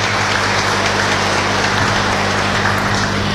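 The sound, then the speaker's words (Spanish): An audience at a church Mass applauds a couple marking 40 years of marriage, a dense, loud wash of many hands clapping at once that holds an even level for the full few seconds, with a low electrical hum underneath. “Y para ellos un fuerte aplauso nuevamente.”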